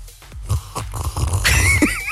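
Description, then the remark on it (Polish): A few soft low thumps, then a long wet, hissing slurp as someone sucks in hot coffee noisily, with a rising whistly edge near the end. No talking. “Siorbnę sobie kawusi”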